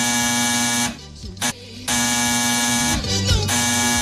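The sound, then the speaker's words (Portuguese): A telephone rings as a listener calls in to the show, with a loud, buzzy electronic tone sounding in long bursts broken by a short gap, the harsh harmonic drone steady and unaccompanied by speech. “Até porque o telefone tocou.”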